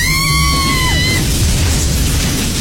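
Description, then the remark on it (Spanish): A loud thunderclap from a lightning strike bursts into a sustained, crackling roar that fills the whole clip, while a high scream at the start slides downward in pitch and fades. “Un fuerte relámpago sacude el lugar.”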